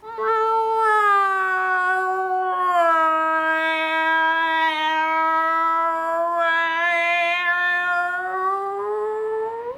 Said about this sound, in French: quelle drôle de musique! T'appelles ça chanter? Parfaitement, c'est comme ça qu'on chante au pays des chats.